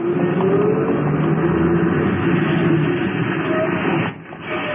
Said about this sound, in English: I hurried across the street just as a bus pulled up and took on a passenger. A little old lady wearing a little hat. I reached the stop as the bus was pulling away.